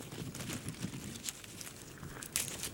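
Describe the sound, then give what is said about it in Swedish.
Someone chews fairly large forest blueberries with soft, wet smacking and small crunchy clicks in an irregular rhythm, fairly quiet and without talking. “Ja, du får smaska på där med gott.”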